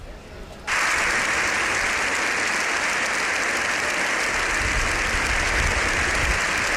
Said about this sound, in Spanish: Ese aplauso sostenido durante más de 5 minutos, aquello para muchos, incluida la presidenta Armengol, fue casi un milagro.